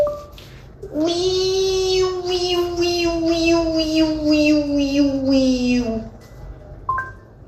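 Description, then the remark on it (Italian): A person imitates a Japanese cicada to a Google voice assistant, with one sustained, whining vocal tone lasting about five seconds, pulsing rapidly and rhythmically in its upper overtones, then breaks off with a brief short sound. “per aver fatto l'imitazione della cicala giapponese”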